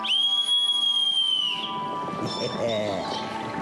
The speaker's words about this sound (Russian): Сейчас позову слуг. Видишь, вот серебряный свисток.